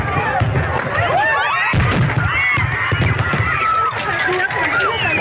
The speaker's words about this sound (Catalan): El castell de focs artificials es disparava des del mar, però una carcassa pirotècnica es va desviar i va anar a parar al públic que es concentrava dissabte a la nit a la platja.